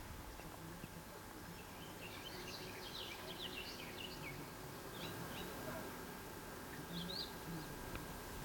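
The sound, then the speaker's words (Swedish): A garden warbler sings faintly in mid-July by a small bay, a quick run of bright warbling notes, then a few shorter bursts later, over a steady low background hum with no one talking. “Ja, en trädgårdssångare var det som lät här förut.”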